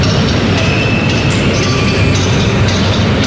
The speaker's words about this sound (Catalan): la plaça Catalunya és tan gran que els micròfons dels periodistes poden enregistrar els cops de martell dels hostatges que intentaven, sense èxit, foradar la paret. Aquest és el so original d'aquell dia. Si pareu atenció, sentireu claríssim els cops.